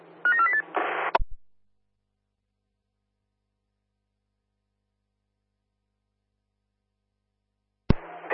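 A quick run of telephone dialing tones, a few short stepped beeps lasting about a second, then a long silence before a brief burst of sound at the very end.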